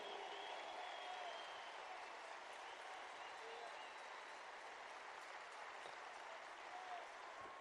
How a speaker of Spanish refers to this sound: Gracias por ese aplauso, porque no es a mí, es al Espíritu Santo.